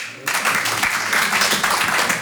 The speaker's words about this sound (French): Il y a des papas par applaudissement?